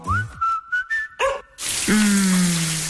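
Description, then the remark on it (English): Someone whistles a short tune in sustained, slightly sliding notes, then a shower bursts on with a steady, loud hiss of running water that continues to the end. “Shower time.”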